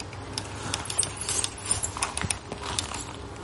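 A small remote-controlled ground robot, steered by its operator, drives about and picks up cubes, making irregular plastic clicks and rattling clatter over a faint steady whir, with no talking.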